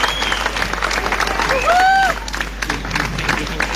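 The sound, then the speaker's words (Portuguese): An audience gives a round of applause for the Festival de Média, especially the Festival de Jazz de Olé and the Casa da Cultura de Olé: a steady, dense wash of clapping fills the whole stretch, with a few cheers and whistles rising briefly above it midway. “e por isso um grande bem-aja, uma grande salva de palmas para o Festival de Média, em especial para o Festival de Jazz de Olé, para a Casa da Cultura de Olé.”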